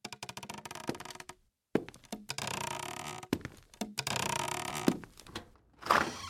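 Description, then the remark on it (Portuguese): Wooden stairs creak and thump under slow steps, a series of irregular groans and knocks separated by short pauses, with no voices. “A escada voltou a ranger.”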